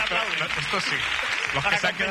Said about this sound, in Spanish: Pues nada, muchísimas gracias por invitarme. Aplauden, ¿no?